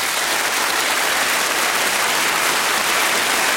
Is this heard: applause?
yes